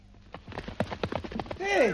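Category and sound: animal, galloping horse hooves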